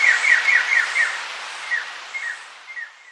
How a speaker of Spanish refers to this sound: El trino de la rendajo escarlata forma parte del Banco de Sonidos de Aves Colombianas, recopilado por el Instituto von Humboldt y la Universidad de Cornell.